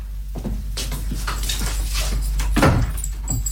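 Keys jangle and a lock clicks as a door is locked with a key, a run of sharp metallic clicks and rattles over a low steady hum, with no one speaking.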